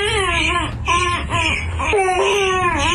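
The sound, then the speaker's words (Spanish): A baby under a year old, the speaker's son, cries loudly, a continuous high wailing with rising and falling pitch, broken by a few short catches of breath, with no talking over it. “el que estaba llorando.”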